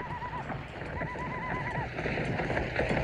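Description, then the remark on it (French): Horses ridden by attackers on horseback charging a train gallop with a steady rumble of pounding hooves while high, wavering whinnies rise above the din. The sound is dense and continuous, fairly loud, and no one speaks. “Des choux attaquent le train à cheval.”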